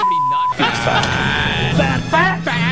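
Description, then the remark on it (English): A novelty 'fat alarm' buzzer sounds loud: a short steady beep, then a harsh, raspy buzzing blare with warbling, almost voice-like wobbles that runs continuously to the end. “is this all the same alarm, or have you mashed in multiple fat alarms into one?”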